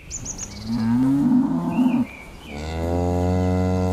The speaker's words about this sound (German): Kühe vor Berglandschaft.